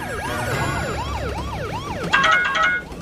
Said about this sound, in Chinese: 警笛响起，警灯亮起。